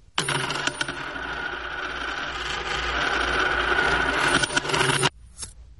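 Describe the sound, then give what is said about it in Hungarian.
A bag of gold coins is dropped, setting off a dense, bright jingling and clinking of metal that rings steadily for about five seconds before cutting off, with a faint clink just after. “Véletlenül megkaptam ezt a zacskó aranyat, amit tovább kellett volna adnom az öreg Dobrovicsnak, akinek régebben tartozom,”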